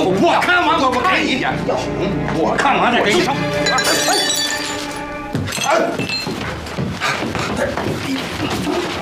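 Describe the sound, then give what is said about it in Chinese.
Loud, repeated smashing and cracking as a locked cabinet is forced open, with clinks and splintering crashes, while agitated voices shout over the commotion. “锁上了， 他砸呀！”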